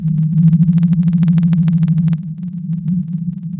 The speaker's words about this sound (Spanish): Ahora escucha el canto de la ballena azul.